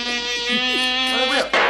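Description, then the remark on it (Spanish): A loud mosquito buzz drones steadily for about a second and a half with a slight wavering pitch, then cuts off abruptly into a brief burst of noise at the end. “Solo de mosquito.”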